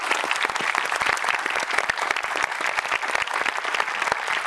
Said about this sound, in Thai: ขอเสียงปรบมือให้คุณพ่อคุณแม่และคุณพ่อคุณแม่ของใครอีกหลายๆคนที่ทำแบบนี้ด้วยนะครับขอบคุณมากเลย